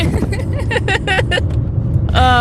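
A steady, low road rumble fills the cabin of a moving car carrying a group of young men, continuous and fairly loud, with voices talking over it throughout and a brief higher-pitched voice at the end.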